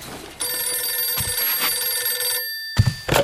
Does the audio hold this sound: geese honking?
no